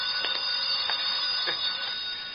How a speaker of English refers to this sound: My phone's ringing. Look, you... Let me answer the phone.